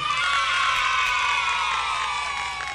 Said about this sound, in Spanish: Aplausito, por favor.